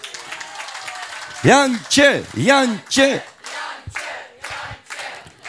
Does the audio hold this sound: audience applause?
yes